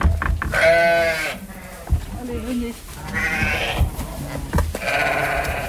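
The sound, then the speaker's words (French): A flock of ewes bleats repeatedly, several wavering calls overlapping, with a person talking underneath the animal cries. “C'est un essai de cohabitation entre les ânes et le troupeau, puisque notre repreneur, il avait des ânes et il veut essayer de les mettre, de faire aussi de la protection de troupeau avec.”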